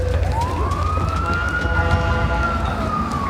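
A fire truck siren rises in a long sweeping wail, loud, over a steady low engine rumble as the fire truck pulls in, arriving at the Neuron Science Building.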